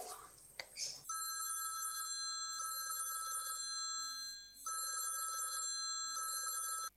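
After a brief rustle, a phone's outgoing ringback tone plays loud and clear: repeated electronic ringing bursts separated by short pauses, with no one talking over it.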